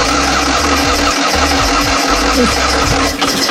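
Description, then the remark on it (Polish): A Fiat 126p engine cranks and catches with loud, sputtering low thumps, then settles into a rough, uneven idle. No voices are heard. “I w tym tygodniu minęło 51 lat od momentu, kiedy pierwszy malchus zjechał z taśmy produkcyjnej.”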